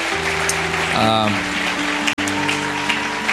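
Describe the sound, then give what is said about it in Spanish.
A church audience claps steadily for the Lord in a dense, continuous wash of applause, with sustained keyboard chords underneath and a brief voice rising over it partway through. “Así que bueno, dale un aplauso fuerte al Señor por eso.”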